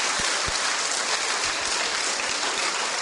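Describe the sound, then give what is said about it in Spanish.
An audience applauds a woman steadily, a dense, even wash of many hands clapping with no pause, a few sharper claps standing out at the start and in the middle. “Aplauso para la hermanita tan linda.”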